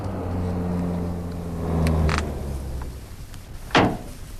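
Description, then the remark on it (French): A taxi's engine hums steadily, its low drone shifting as the vehicle slows and pulls up, followed by a sharp mechanical clunk near the end. “On dirait une voiture. Oui, c'est un taxi.”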